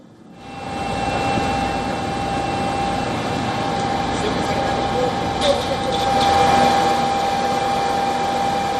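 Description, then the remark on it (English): A steady, droning engine buzz of attack drones flying overhead in an attack on Kiev, Ukraine's capital, holds at a constant pitch for several seconds, loud, with a faint background murmur that may be voices. “Ukrainian authorities claimed that the capital came under a major overnight attack, with drones striking several areas across the city and its outskirts.”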